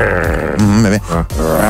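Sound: person imitating a tiger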